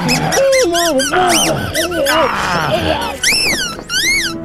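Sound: rubber chicken squeaking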